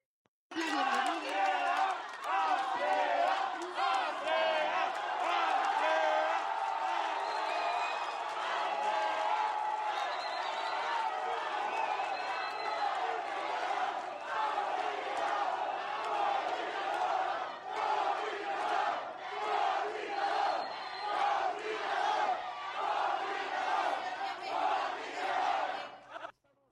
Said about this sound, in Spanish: hubo gritos de inconformidad. Vamos a escuchar parte de estos gritos.